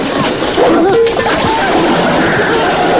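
A vampire's heavy body crashes into a holy water bath with a loud splash as the Nook jumps at him and pushes him in, followed by continuous churning and sloshing, while a dog yelps and whimpers over the commotion.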